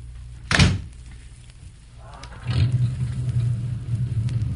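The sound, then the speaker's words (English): A single heavy car door slams shut, followed a couple of seconds later by an engine starting up and settling into a steady low rumble. No one speaks. “Get in, I'll drive. Okay, slide in the side.”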